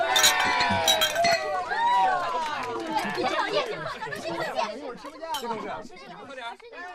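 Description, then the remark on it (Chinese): Several glasses clink together in a quick cluster at the start, bright, during a toast at a work department dinner, while a group of people chatter and cheer over it, the voices carrying on after the ringing fades. “干杯。”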